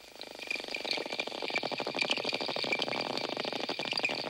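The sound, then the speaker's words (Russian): Dolphin echolocation clicks and creaks crackle in a dense, rapid train throughout, with thin high whistles, which dolphins use to communicate, held steadily above them, at a moderate, even loudness and no talking. “Дельфины издают три типа звуков. Свист, который им служит для переговоров, а скрежет и щелканье – звуки их локатора.”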